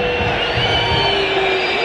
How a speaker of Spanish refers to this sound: ¿Para quién los silbidos? A ver, ¿para los jugadores?